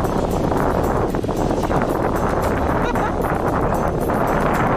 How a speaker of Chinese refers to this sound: 果然，就在河谷地形变化剧烈之处，河水突然变得湍急起来。 哎呀，这个地方这么急！